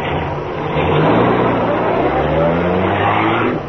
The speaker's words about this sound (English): Well, look. Car coming fast. You're on wrong side of street.